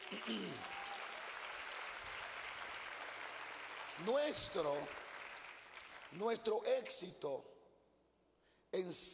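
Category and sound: crowd, audience applauding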